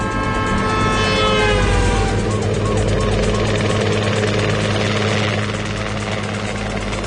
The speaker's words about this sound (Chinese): 两架警用直升机从特警基地拔地而起